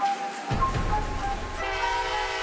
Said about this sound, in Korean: 야, 기차역이 엄청 붐비네.